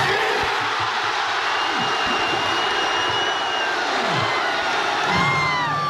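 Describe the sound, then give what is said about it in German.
A large crowd of football fans at the Hafengarten fan fest cheers and roars continuously shortly after kickoff of the Germany vs Ecuador match, a dense wash of voices with scattered shouts and whistles rising above the steady, loud din throughout. “Ja, und dann kurz nach Anpfiff beim Spiel Deutschland gegen Ecuador, sind wir alle vor Ort ausgerastet.”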